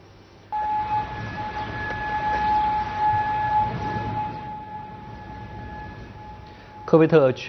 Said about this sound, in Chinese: 科威特全国当天早晨响起了警报。